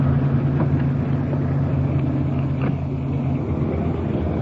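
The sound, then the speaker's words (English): A police car's engine runs steadily, a low continuous rumble with a faint hiss on top, as the vehicle pulls up against the curb out of the middle of the street. No one speaks. “Getting the car off the street.”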